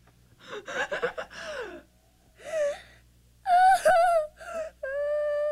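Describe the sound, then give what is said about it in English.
A baby who had stopped breathing after being shut in an airtight cooler gasps raggedly for air, then breaks into a series of thin, high wailing cries that grow steadier. The sounds are clear and loud, with no talking. “Jack, he's not breathing.”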